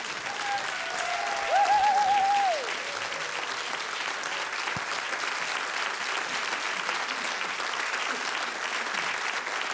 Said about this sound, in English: So I'm very grateful for this wonderful band, the …, which, please, one more clap. Croatia should be very proud.